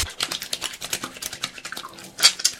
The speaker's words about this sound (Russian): Застирывает белье мылом, стирает руками вещи, стирка белья руками.